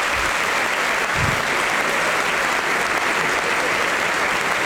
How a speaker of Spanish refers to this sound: No me hagan, habla boludez y aplauso para Flavio Mendoza. Tipazo, tipazo.